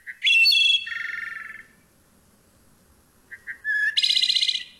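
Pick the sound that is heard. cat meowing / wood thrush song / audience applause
wood thrush song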